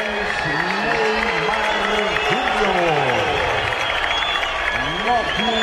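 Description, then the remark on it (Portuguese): Light, scattered applause from fans at the Vila runs steadily through the whole stretch, a continuous wash of clapping and murmur, with a man's amplified voice announcing the Santos lineup before the Santos–Macará Sul-Americana round-of-16 first-leg match. “Aplausos tímidos.”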